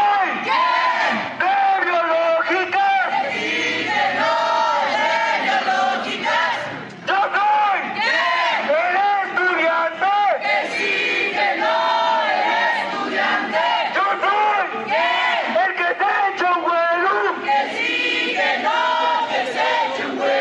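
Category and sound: crowd, student protest crowd chanting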